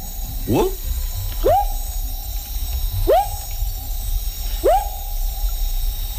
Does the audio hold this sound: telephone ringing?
no